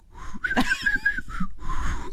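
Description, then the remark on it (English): Breathy, airy blowing as someone tries and fails to whistle, with a thin wavering tone that barely forms before fading into hissy exhales; no speech. “Do you want me to actually whistle? Yeah, let's hear it.”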